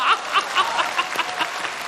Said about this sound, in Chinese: 闻公乘舟将欲行，忽闻岸上踏歌声，桃花潭水深千尺，不及大家送掌声啊！